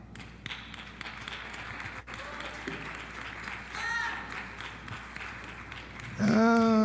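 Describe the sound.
An audience claps steadily for several seconds, a dense crackle of many hands. Voices rise over the clapping, and a loud voice breaks in at the very end.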